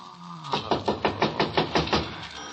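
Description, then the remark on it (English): A steady run of about eight firm knocks on a door by a neighbour from next door, evenly spaced and fairly quick, moderately loud with no voices. “Somebody at the door.”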